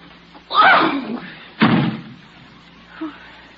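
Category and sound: household object, door slammed shut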